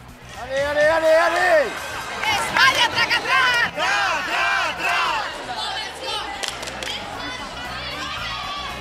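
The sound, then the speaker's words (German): A crowd of spectators at a dog-racing event yells and cheers excitedly in various languages, with loud rising shouts and overlapping voices urging on dogs running one after another for points in individual competitions, sustained and energetic throughout. “Und schließlich rennt ein Hund nach dem anderen um Punkte. Angefeuert und bejubelt in den Sprachen der internationalen Hundewelt.”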